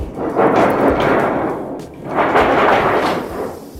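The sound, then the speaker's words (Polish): Two long, loud rumbling swells of stage thunder from a theatrical storm device at the Wielka Gra exhibition on the opera of Władysław IV at the Royal Castle in Warsaw roll one after another, each building and fading over a couple of seconds, with no voices over them. “Możemy otworzyć burzę.”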